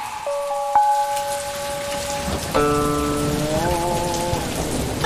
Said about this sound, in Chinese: 不好意思，老板，我听外面雨声有点大，咱们备采先暂停。